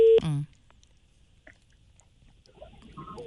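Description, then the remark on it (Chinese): A telephone ringing tone, from a call being placed to a cargo owner, sounds loud and steady for a fraction of a second at the start, then cuts off into near silence before a faint voice begins talking. “好，我们再问一下，您稍等 我们试一下，打一下货主电话。”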